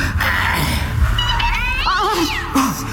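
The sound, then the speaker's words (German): A cat lets out a loud, wavering screech, its pitch swooping up and down, rising over a busy, noisy background before cutting off with a short yowl at the end. “Die Katze!”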